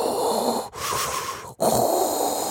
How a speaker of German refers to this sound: Klingt wie Darth Vader, ist aber vielleicht der letzte Röchler Ihres Dampfbügeleisens.